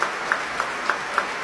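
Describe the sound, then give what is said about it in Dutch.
An audience in the Great Hall of the Concertgebouw in Amsterdam applauds Nathalie Stoetsman after her conducting debut with the Concertgebouw Orchestra, a dense, steady wash of clapping with regular accented beats roughly three times a second as if the crowd claps in rhythm. No voices. “Groot applaus hier in Amsterdam, in de grote zaal van het Concertgebouw.”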